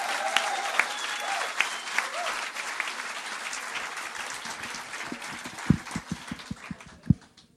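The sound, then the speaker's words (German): A Poetry Slam final audience applauds steadily to welcome the first finalist onto the stage, a dense wash of clapping that stays loud throughout, with a few sharper, louder claps standing out toward the end. “Ich räume die Bühne und bitte das Publikum einen finalwürdigen Auftrittsapplaus für den ersten Finalisten, für den Mann aus Nürnberg,”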